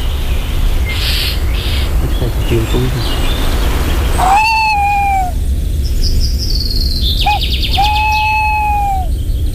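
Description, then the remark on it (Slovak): A thrush gives alarm calls, warning of an owl, two drawn-out harsh notes a few seconds apart with shorter higher chirps between, over a steady rushing outdoor background. “Bo ten drozd tam varuje.”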